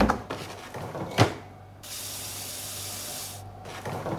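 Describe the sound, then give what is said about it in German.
A freezer is opened with a sharp clunk and some clatter, then tap water rushes steadily for about two seconds as ice cube trays are refilled, followed by more light handling noises. “Ich muss die Eiswürfelbehälter in meinem Gefrierfach auffüllen.”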